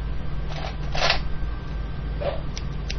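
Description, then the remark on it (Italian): Snips of round-tipped scissors, like those of Melevisione, cutting: a handful of short crisp cuts at uneven intervals over a steady low electrical hum. “Rumore di forbici dalla punta arrotondata come quelle della melevisione.”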